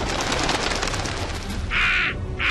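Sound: crow cawing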